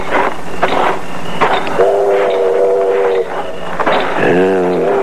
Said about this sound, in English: The train's pulling in. Let's get on it and get out of here.